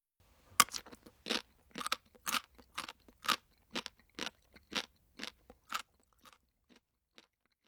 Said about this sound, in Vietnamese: Từ để diễn tả âm thanh vừa rồi là từ bori bori, tức là âm thanh khi nhai một thứ gì đó cứng. Chúng ta có thể nói bori bori to senbei o kajitte imasu. Câu vừa rồi có thể hiểu là tôi đang nhai bánh gạo rôm rốp.